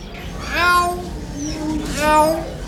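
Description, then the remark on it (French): A talking bird mimics a cat, giving two drawn-out, whiny meows about a second apart, fairly loud, with a faint background hum between them. “Jaco, tu fais le petit chat?”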